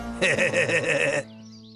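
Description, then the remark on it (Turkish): A goat lets out one loud, quavering bleat lasting about a second, on its own, with a faint low hum left after it stops. “Yakaladım seni keçi efendi.”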